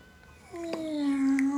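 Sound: cat meowing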